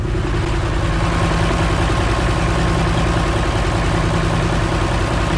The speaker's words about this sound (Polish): Słyszą już Państwo na pewno silnik naszej lokomotywy, która zawiezie nas w drogę powrotną do Piaseczna